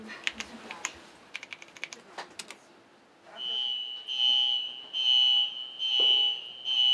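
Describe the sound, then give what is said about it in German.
A theatre's iron safety curtain being lowered, separating stage from auditorium, with its alarm: after a few seconds of sharp scattered clicks, a loud, high-pitched electronic tone sounds in four long, steady pulses with brief gaps between them. “Willst du uns einmal zeigen, wenn wir gleich den eisernen Vorhang runterfahren, gleichzeitig diese blinkenden Pfeile, die du vorbereitet hast?”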